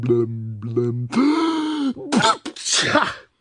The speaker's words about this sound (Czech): A znovu mocně kýchl. Jak se ti můžu líbit, když mám celý nos odřený.